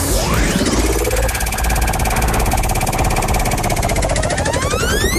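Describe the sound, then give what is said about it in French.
The Force Basque prize wheel spins with a rapid, steady stream of loud ratcheting clicks, accompanied by sweeping rising and falling tones. “Je t'invite à lancer la roue de la Force Basque en créant le mot top.”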